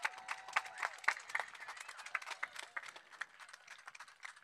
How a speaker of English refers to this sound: Yeah, applaud. Applaud for pro-life.